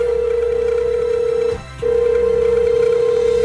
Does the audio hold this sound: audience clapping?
no